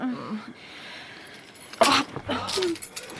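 Keys jangle in two short, bright metallic bursts as they are handed over, with faint vocal sounds and quiet in the background.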